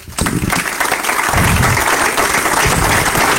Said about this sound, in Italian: E se mi consentite, vedo che è arrivato un applauso spontaneo a questi nomi, io ne aggiungerei un altro.